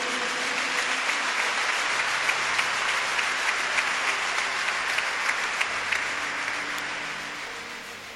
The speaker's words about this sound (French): Et je veux vous demander de dire un très très grand merci avec des applaudissements bien nourris à Monsieur le maire de Makori.